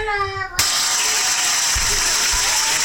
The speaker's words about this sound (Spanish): Mire, le aplauden acá el boliche. De pie.